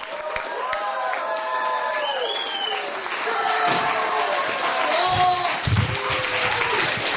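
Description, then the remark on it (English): A crowd claps loudly and steadily throughout, with whoops and cheering voices rising and falling over the dense applause, welcoming the headlining comedian at a comedy show recorded for a DVD. “Please give a big, loud, huge round of applause for our headlining comic”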